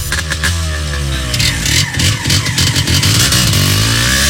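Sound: motorcycle engine revving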